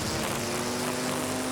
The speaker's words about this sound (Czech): Sekačky sekají.